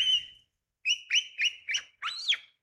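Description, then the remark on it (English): A pied butcherbird sings clear, liquid fluting notes in a forest in the morning: one held whistle, a brief pause, then four quick evenly spaced notes and a final swooping phrase, distinct with no voices. “And right there, the liquid phrases of the pied butcher bird.”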